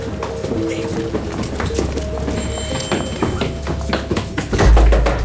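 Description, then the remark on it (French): Police repeatedly pound heavily on a door, with thuds and clatter under shouting voices, ending in a loud crash as the door of a hideout is broken in. “Une cavalcade dans l'escalier, des cris, une porte défoncée, des policiers qui pénètrent dans la planque alors que les agents d'Alliance étaient en train d'émettre vers Londres.”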